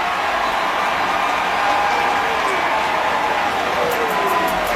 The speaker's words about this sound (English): Huge call here. Washington pointing, the crowd cheering.